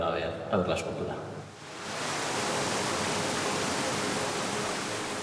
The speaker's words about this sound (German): Um das Meer auch zu hören, simuliert hochgepumptes Wasser die Brandung der baskischen Küste.